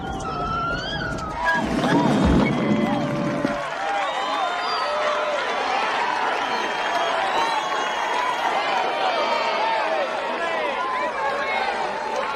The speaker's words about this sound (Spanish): Damas y caballeros, presentamos a la superestrella del Parque Marino. Un aplauso para Willy la ballena.